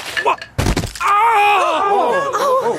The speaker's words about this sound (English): One Sunday, I decided to use a cane instead of crutches. Walking to the car after the service, I slipped on some ice and fell.